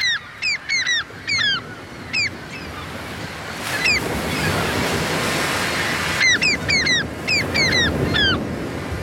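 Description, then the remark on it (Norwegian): Sharp, descending gull cries repeat in quick bursts, arranged into a rhythmic, tune-like pattern that pauses midway, while a steady wash of surf rolls underneath throughout. “Litt vanskelig i dag, for det er litt få måker i måkekoret, så vi tar den en gang til.”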